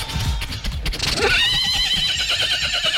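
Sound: horse neighing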